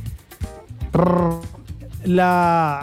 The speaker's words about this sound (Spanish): Mae, el perro que usted tenía, el que estaba hablando, mae, es el del video, mae. Baby Gaga, se llamaba esa perrita, mae.